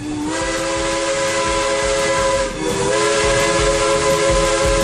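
The whistle of a 66-tonne, 12-metre steam locomotive with 14-bar boiler pressure, now in Naklo, Slovenia, blows a steady, loud, multi-toned chord over a bed of rushing steam hiss, briefly breaking off midway before sounding again at a slightly shifted pitch.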